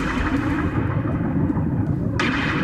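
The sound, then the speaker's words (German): Raindrops pop and patter at the very start of a song over a deep, steady rumble like thunder, with a brief brighter burst of noise near the end. No voices. “Und achten Sie jetzt mal drauf, wenn der Song losgeht, hören Sie ganz am Anfang so Regentropfen, die so aufploppen.”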